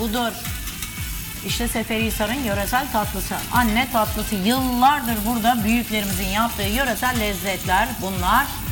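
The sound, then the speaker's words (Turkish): A steady sizzling hiss as hot fried pastry dessert is dropped into cold cinnamon and sugar syrup, crackling continuously beneath a woman talking over it the whole time. “o coz sesi geldi.”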